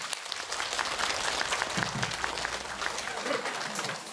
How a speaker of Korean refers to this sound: 단광 순직자 위령 영산제를 천상의 범패 소리로 장엄해 주신 어산단 스님들께 큰 박수를 부탁드리겠습니다.